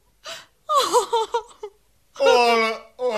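A woman sobs and wails in broken, quavering bursts, a couple of short gasping cries followed by a longer drawn-out moan, close and fairly loud with no other sounds around.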